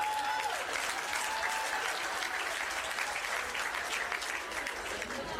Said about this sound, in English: You ladies are very resilient. Good on you. Round of applause for the women.